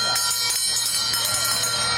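A starting bell rings steadily for about two seconds, a bright, sustained metallic clang with rapid pulsing, heard over a low background hum. It starts the second horse race of the day, over 1,800 metres, at Sanlúcar de Barrameda.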